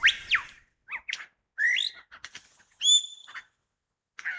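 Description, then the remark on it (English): A pied butcherbird's melodious, liquid song phrase: a series of clear, fluting whistled notes with short pauses between them, fairly loud, with no talking. “There, one of the many melodious liquid song phrases of the pied butcher bird.”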